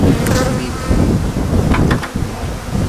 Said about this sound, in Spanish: Ahora vamos a abrir esta y vamos a coger las abejas.